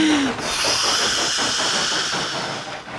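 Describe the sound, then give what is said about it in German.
A steam locomotive puffs steadily as it rolls in alongside the station platform at Maidwaite, with a loud, continuous hiss of escaping steam. A brief whistle-like tone sounds at the very start, and no one speaks. “Gerade rollt er pustend und dampfend am Bahnsteig ein.”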